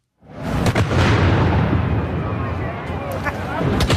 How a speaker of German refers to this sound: Mit zwei Böllerschüssen ist am Punkt 12 in die traditionelle Hirsebreifahrt in Zürich losgegangen.